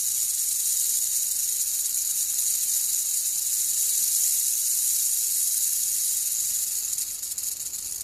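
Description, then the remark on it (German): A loud, steady hiss of a snake at the entrance of a hut, sustained without break for several seconds, bright and airy, then wavering slightly near the end. No voices. “war ein lautes Zischeln am Eingang ihrer Hütte zu vernehmen. Die Schlange glitt hinein und rollte ihren langen, grün-grauen Körper auf.”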